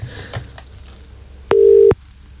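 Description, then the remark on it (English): A few faint clicks, then a single loud, steady telephone ringing tone lasting under half a second, as a phone call to a wife's number rings out on the line. No one speaks. “I've now got to try and remember my wife's phone number.”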